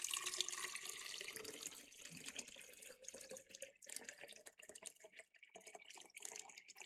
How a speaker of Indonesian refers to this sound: Langkah selanjutnya adik-adik, Kak Ari akan menuangkan 3/4 air ke dalam botol atau gelas eksperimen.